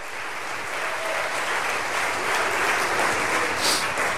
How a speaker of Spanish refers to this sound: Dale un aplauso de victoria al Señor. Aleluya.